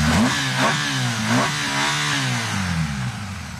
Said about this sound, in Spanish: empiecen a oír ese rugir de motos, que no se asusten, que es que, mira, mira, suena una así, imaginaros el resto.